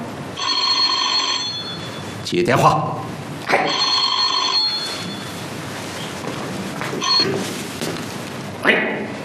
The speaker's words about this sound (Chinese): 接电话。